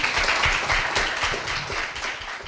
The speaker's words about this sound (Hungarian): Köszönjük meg egy nagy tapsal.